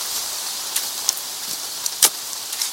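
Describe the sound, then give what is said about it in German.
Steady rain falls in a continuous hiss, with scattered sharper drips and splashes popping out irregularly; no voices, just the wet, even wash of rainfall. “den vom Regen durchtränkten nassen Boden auszuheben.”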